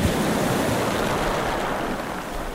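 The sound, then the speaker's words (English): A continuous roar of ocean surf in the Bay of Fundy, between New Brunswick and Nova Scotia, home to the highest tides in the world, broad and steady, with waves washing in without pause. It is loud, with no voices, easing off only slightly toward the end. “Over 100 billion tons of water flows through the bay over the course of a single 12-hour tidal cycle, and it boasts a tidal range of roughly 16 meters, almost 5 times higher than the global average.”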